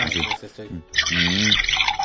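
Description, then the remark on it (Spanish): A thick banana and apple smoothie made with milk being poured or slurped, a wet, watery gurgle lasting about two seconds, with murmuring voices mixed in alongside it. “Suena como como que es agua, pero no, es licuado.”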